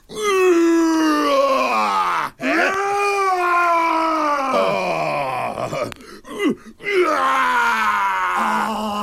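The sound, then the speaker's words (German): A person imitates a roar on Radio Frei, a free radio station in Erfurt, with loud, sustained, groaning vocal bursts, about four long swells that bend in pitch with brief breaks between them. No words are spoken. “Das ist ein schönes Brüllen.”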